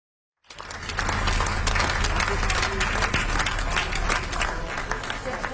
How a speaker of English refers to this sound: Final applause for singer